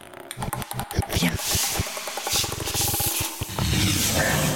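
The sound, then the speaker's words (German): Distorted dog panting and sniffing in a piece of electronic music, rough, breathy bursts in an uneven rhythm that sound like a much larger beast growling and snuffling, loud and continuous throughout with no talking. “Dem sei Keimen und Schnuffeln aus der Teilweise so verzerrt, dass sie nur einem viel mehr großen Beist klingt.”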